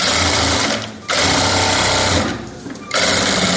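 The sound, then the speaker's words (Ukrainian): A sewing machine stitching and mending Kharkiv's large blue-and-yellow Ukrainian flag after it was torn by wind runs in steady, loud bursts of rapid whirring stitches, briefly pausing twice before starting up again. “Інженерка за освітою, нині швачка, а ще берегиня одного з найбільших українських стягів.”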